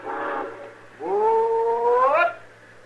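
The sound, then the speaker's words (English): A steam train whistle sounds two blasts as the train is about to pull out: a short chord-like toot, then a longer sustained wail that bends upward before cutting off, loud with no talking. “As soon as this train pulls out.”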